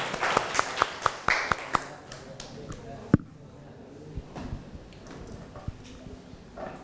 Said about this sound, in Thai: ปรบมือให้กำลังใจเพื่อนหน่อยเร็ว